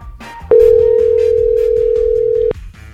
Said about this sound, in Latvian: Bandysim prisiskambinti. Gerai, pamėginkim surinkti jos telefono numerį.